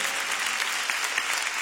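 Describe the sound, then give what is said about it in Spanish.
Steady, dense applause from a crowd, a continuous crackle of many hands clapping at an even loudness with no pauses or voices standing out. “Él se merece tu mejor aplauso. ¡Apláudele!”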